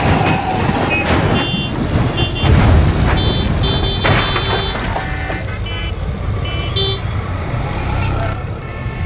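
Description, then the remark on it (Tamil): Heavy road traffic rumbles as a large truck (a lorry) approaches from ahead, with several short, high horn toots and beeps sounding over the steady engine noise, and faint voices in the mix. “ஏ, முன்னாடி லாரி வருது, லாரிய பாத்து.”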